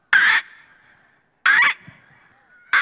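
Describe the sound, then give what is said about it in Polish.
A contestant in the final of a bird-imitation championship imitates a grey heron with three loud, harsh squawks, evenly spaced a little over a second apart, each short and rasping with a fading tail. No one speaks. “…, którego z ptaków wybrałeś? Wybrałem czaplę siwą.”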